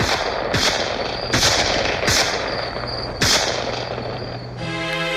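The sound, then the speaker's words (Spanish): Five loud, sharp gunshots fired at a man fleeing across a street, cracking out at uneven intervals, each leaving a brief ringing tail over a constant rushing background noise, before a steady tonal hum takes over at the end. “¡Para, voy a disparar!”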